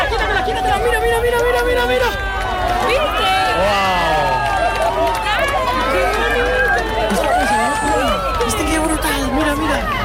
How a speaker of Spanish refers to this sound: Aplausos, lágrimas, gritos, abrazos, mucha emoción.